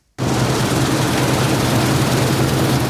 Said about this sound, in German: Schaut rüber zum Mähdrescher, der zu retten versucht, was teilweise nicht mehr zu retten ist. Gerste und Weizen wurden viel zu früh reif.